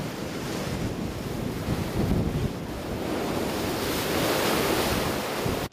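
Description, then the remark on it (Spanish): Heavy ocean surf driven by the remnants of storm Rachel pounds the coast at Long Beach for a fourth consecutive day in a loud, continuous roar, with waves surging and crashing in broad swells and gusts of wind buffeting the microphone; no one speaks. “Ocho edificios que albergan 13 viviendas fueron declarados inhabitables mientras el fuerte oleaje continúa azotando la costa por cuarto día consecutivo.”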